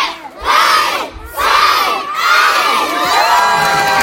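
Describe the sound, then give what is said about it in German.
A big crowd of children shouts and screams excitedly as they storm a new castle-style inclusive playground at its opening in the spa park of Oberstdorf, loud, in repeated surging bursts of overlapping high-pitched voices with only brief dips between them. “Mit lautem, begeisterten Geschrei stürmte eine ganze Meute Kinder die neue Burg in Oberstdorf.”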